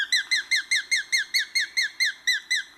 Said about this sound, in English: And the sharp-shinned hawk.